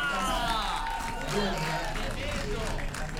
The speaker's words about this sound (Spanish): Un aplauso para la banda, loco.